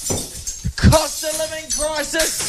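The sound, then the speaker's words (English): A BMW car is bashed with a crowbar: a sharp crunching blow with shattering glass and clinking debris, followed by a raised, wailing voice over the noisy scene. “That's the car. That's the BMW. He's taking a crowbar to it.”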